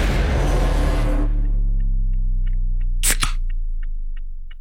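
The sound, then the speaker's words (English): A burst of hiss fades into a low ringing rumble, followed by two sharp metallic clicks as the tab of a beer can, can number one, is cracked open, then faint small ticks. No one speaks. “here's can number one, my friend.”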